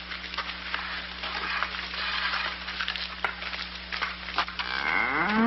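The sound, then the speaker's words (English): A single big cow moos loudly near the end, a deep, drawn-out bellow that rises in pitch, following several seconds of steady crackling hiss with no talking. “I mean, look at this big cow.”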